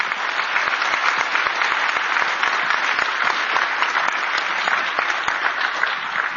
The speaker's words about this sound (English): let's give him a round of applause for being here today. And thank you. Thank you for your leadership.